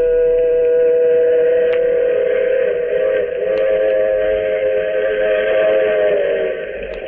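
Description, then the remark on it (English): The horn of the Blue Comet train blares in a long, sustained chord over the steady rumble of the train racing across the flatlands of the southwest, headed home from California. The sound is loud throughout, with no voices. “Yes, and the train. The shiny metal serpent racing across the flatlands of the southwest.”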